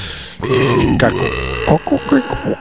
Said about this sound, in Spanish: Un eructo. Un eructo horrible.